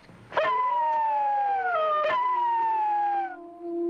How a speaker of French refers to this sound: Qu'est-ce que c'est ? Eh ben, c'est des loups. Des loups à Paris, tu te fous de moi, non ? On est à côté du jardin des plantes. Ils sentent la viande.